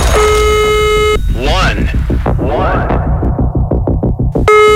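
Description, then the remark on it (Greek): A steady electronic ringback tone of an outgoing telephone call sounds at the start, cuts off as lively voices and rhythmic music take over, then the flat tone returns briefly at the end. “Πάμε για καινούργια κλήρωση και άλλο τηλεφώνημα.”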